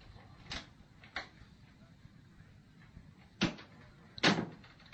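An unlocked door being opened, heard as a handful of short knocks and clacks spread over a few seconds, the last two louder and fuller, with no talking.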